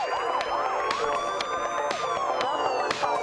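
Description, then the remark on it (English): A wailing emergency siren rises and falls in quick repeated sweeps, mixed into music with steady tones and periodic percussive hits. It stays loud and continuous throughout, with no talking. “I should mention that that siren is in the song. It's not in the car behind you.”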